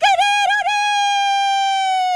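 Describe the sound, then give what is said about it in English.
A person imitates a rooster's crow: a few quick warbling notes followed by one long, loud, sustained high call, with no other sounds around it. “That actually is a great impression of a rooster.”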